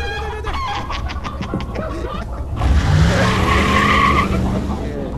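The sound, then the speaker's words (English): A rooster squawks in a rapid, agitated series of harsh calls as a burlap bag is thrown over its head and it is scooped up; a loud burst of rough scuffling noise takes over, with strained squawks continuing. “He's gonna love fighting other roosters.”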